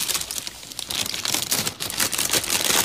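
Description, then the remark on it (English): Continuous rustling and crinkling of paper instruction sheets being shuffled into a different order, with irregular bursts of crisp, bright noise over about three seconds and no voices. “I'm going to shuffle all of the instructions and everything going on, so it'll all be in a different order than it was to start with.”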